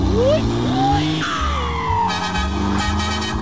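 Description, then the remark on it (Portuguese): A loud engine revs up in rising sweeps over a steady low rumble, with a brief bright horn-like tone cutting through partway. “Abraço acelerando.”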